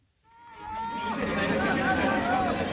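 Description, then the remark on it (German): Spectators in a sold-out exhibition hall in Shanghai cheer and shout loudly, urging on competitors in the final metres of a fitness competition, many voices rising together into a sustained roar of encouragement, with individual yells and whoops standing out above the dense babble. “Die Zuschauer fiebern mit, feuern an auf den letzten Metern eines Sportwettbewerbs in der ausverkauften Shanghaier Messehalle.”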